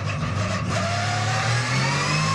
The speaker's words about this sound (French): Mais quel moteur! Quel moteur! Écoutez-moi ce son! Moteur qui prend 9500 tours. Vous avez bien entendu, 9500 tours.